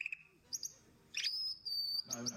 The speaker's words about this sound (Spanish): Ah, no, porque viene con efecto de sonido incluido. El pajarito. Ay, mira qué lindo.